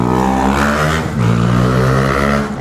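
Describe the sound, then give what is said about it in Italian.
Street traffic rumbles with a loud, steady engine drone whose pitch dips and rises briefly, as if a vehicle is passing or revving. No voices are heard. “Qua siamo in pieno traffico, a proposito di trambusto, sì, è bellissima questa striscia quotidiana, perché la gente ci guarda mentre passa, è bello.”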